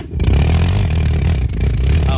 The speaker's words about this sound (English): Yeah, let's add gas with it. Oh, it makes a noise. Oh, that's why they're calling it an engine. Does it make an engine noise?